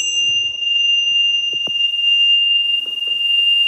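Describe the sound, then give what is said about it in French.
A small bell rings to mark the start of a wellness bath treatment, with a bright, pure tone that hangs steadily through the whole moment, its shimmering resonance sustained over faint handling noises and soft thumps. “Oui, et la petite cloche, les vibrations qui vont bien”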